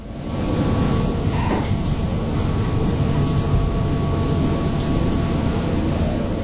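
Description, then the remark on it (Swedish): Rain drums steadily on the deck of the Dutch research ship Pelagia in the North Atlantic, a dense, continuous patter over a deep rumbling hum that holds at the same loud level throughout, with no voices. “Regnet slår mot däcket på det nederländska fartyget Pelagia”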